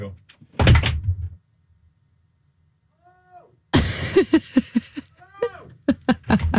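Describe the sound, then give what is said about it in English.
A soundproofed studio door swings shut with a single solid thud, followed by a few seconds of near silence and a faint squeak before people start talking. “I'm going to close. So these studios should be completely soundproof.”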